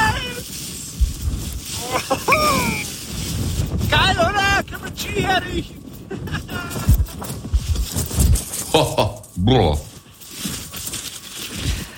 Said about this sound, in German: Aber alleine, wenn ich diesen Wind schon höre, da könnte ich mir ja die Jacke anziehen.